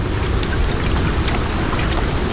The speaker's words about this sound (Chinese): 欧洲鼹鼠不用担心猎食者，它需要担心的是从空中砸落到地面的冰。